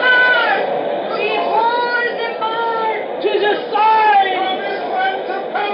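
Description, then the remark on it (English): A large crowd kneeling at a temple yells and wails loudly, many overlapping voices rising and falling in pitch in a continuous, unbroken clamour from start to finish. “Right down on their blooming knees and yelling their foreheads off.”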